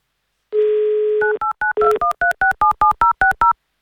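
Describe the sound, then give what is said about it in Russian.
A steady dial tone hums for under a second, then about eleven quick two-note keypad beeps follow in a brisk, even rhythm as a phone number in Saint Petersburg is dialed for an Avtoradio call. No voices. “Так что мы, Олег Пер, вам сейчас звоним в Санкт-Петербург.”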